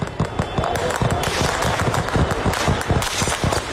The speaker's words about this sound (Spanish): Lo siguiente fueron enfrentamientos en las calles, los carros de combate tomando las avenidas, el Parlamento atacado, disparos desde aviones que volaban a baja altura.